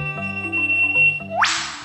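An eastern whipbird, a dark, crested, 10-inch bird of the dense understory in northeastern Australia, calls: a long, steady high whistle, then a sudden loud whip-crack that sweeps sharply upward into a bright, hissing snap. Soft, stepped lower tones run underneath.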